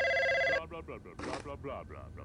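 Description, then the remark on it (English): A loud telephone ring sounds once in a short burst, cut off abruptly, then a person starts talking. “He's gonna pick up the phone.”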